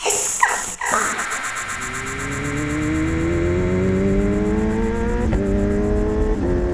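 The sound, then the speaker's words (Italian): A fire-red Kawasaki motorcycle engine starts up and revs, its throaty drone climbing steadily in pitch as it accelerates, loud and continuous, with a brief rougher burst at the start. “Trovai una Kawasaki rosso fuoco.”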